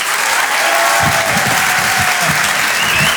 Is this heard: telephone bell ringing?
no